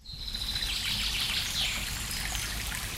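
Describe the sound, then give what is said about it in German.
A steady babbling stream, the Mohnbach in the Mohnbachtal near Bad Liebenzell in the Black Forest, Germany, trickles and splashes continuously on the grounds of holiday guesthouses, with a few faint bird calls chirping in the background and no voices. “Da plätschert er, der Mohnbach, idyllisch direkt auf dem Gelände der christlichen Gästehäuser Mohnbachtal.”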